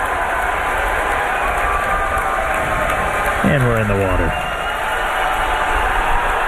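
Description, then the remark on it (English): A crowd cheers and applauds in a steady, dense roar that fills the whole stretch, with a man briefly speaking over the noise partway through, as SpaceX's Starship Flight 13 V3 rocket makes a soft splashdown in the Indian Ocean. “You can hear the excitement of the crowd.”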